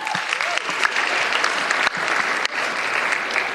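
Steady, dense applause from an audience at the White House Correspondents' Dinner during Oz Perlman's performance, a continuous wash of many hands clapping at even loudness throughout, with no voices rising above it.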